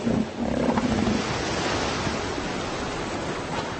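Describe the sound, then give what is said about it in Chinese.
Elephant seals, among the thousands that come ashore each year, bellow with deep, rumbling roars over steady surf, a drawn-out low call standing out at first before blending into the continuous wash of waves and crowded beach noise. “每年都会有成千上万的象海豹来到陆地。”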